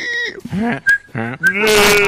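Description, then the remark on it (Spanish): A goat bleats several times in quick succession, each call loud and quavering, with brief pauses between and a longer, drawn-out bleat at the end. “Y el chivo también.”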